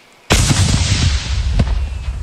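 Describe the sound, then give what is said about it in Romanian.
A drone loaded with explosives, found in Tulcea county, Romania, is detonated in a controlled way by Defence Ministry personnel: a sudden, loud boom out of near silence, then a heavy rolling rumble that sustains, with a second crackling burst partway through. “Reprezentanții MAPN au reușit să o detoneze controlat în urmă cu puțin timp.”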